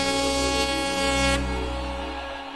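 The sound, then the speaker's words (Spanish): A single sustained, loud horn blast with a rich stack of harmonics holds steady for over two seconds, unbroken, with no talking over it. “a ver esa bocina que suene bien. Te toco el pito,”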